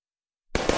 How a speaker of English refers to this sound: Grab the blanket, break out the bug spray, and let's celebrate the 4th of July. Wow, fireworks are awesome!